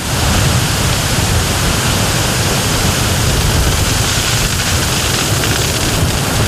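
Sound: strong wind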